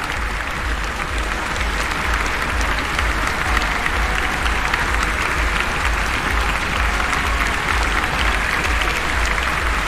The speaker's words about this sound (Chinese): 观众也是为每一位努力的运动员都响起了热烈的掌声。